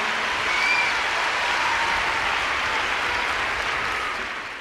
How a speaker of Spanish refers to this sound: Que se lleve el aplauso este artista enorme de todo el mundo que vino a visitarnos con tanto amor.